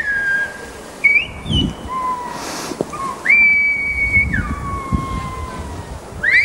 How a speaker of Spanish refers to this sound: Silbo gomero, que es patrimonio de la UNESCO. La verdad es que nos hemos quedado todos... Yo sin palabras, vamos. Sin palabras, sorprendidos. Qué bonito es el silbo.